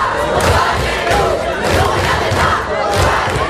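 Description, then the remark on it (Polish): A large crowd of high school and university students protesting in France for a bigger education budget shouts and chants together, a loud, continuous roar of overlapping voices with surges of yelling and a few dull thuds underneath. “Wrze we Francji nasiliły się protesty licealistów i studentów, którzy żądają zwiększenia budżetu na edukację.”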